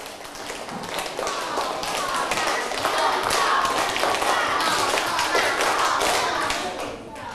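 A group of children clap their hands in a stepped pattern for several seconds, the claps dense and somewhat uneven rather than tightly in sync, with faint voices mixed underneath.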